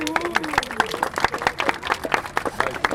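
A crowd gathered for a walk in the Tiergarten applauds with dense, irregular clapping throughout, steady in loudness, while a voice carries on faintly underneath.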